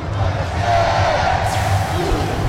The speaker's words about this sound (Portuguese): A massa tá gritando bastante. Você ouviu o sinal aí junto com a massa.